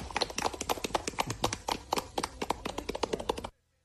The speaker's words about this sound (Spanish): Aplausos.